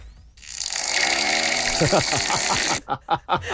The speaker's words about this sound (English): Snoring and farting. It's so true. See, that's a picture of it. Yeah, two monkeys in their pyjamas.